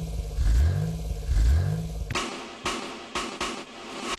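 A car engine revs up twice, each rev climbing in pitch, then breaks into a loud, rough run of pulsing, clattering bursts. No one speaks.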